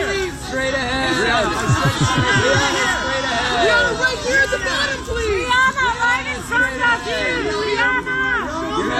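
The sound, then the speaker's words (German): Festively dressed photographers at the Metropolitan Museum of Art benefit shout over one another at arriving stars, telling them where to look, a loud, steady crowd of overlapping voices calling out with rising, insistent pitches and no pause in the din. “Genau, da sind dann all die Fotografinnen und Fotografen dort natürlich schön eingekleidet, auch am Warten, festlich, bis dann die Stars kommen.”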